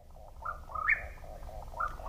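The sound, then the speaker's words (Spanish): A Mexican whip-poor-will (Antrostomus arizonae) sings a short burbling, rolling phrase of low whistled notes, repeated with a brief rising note near the middle, over faint night background noise. “Es el chotacabras cuerpo ruin mexicano, también conocido como tapacaminos, nombre científico Antrostomus arizonae.”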